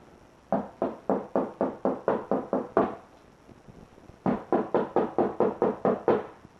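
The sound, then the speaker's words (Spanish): Two quick runs of knocking on the door of a house, about ten sharp, evenly spaced raps each, separated by a short pause. The knocks are fairly loud and there is no talking. “Pronto, toquen la puerta.”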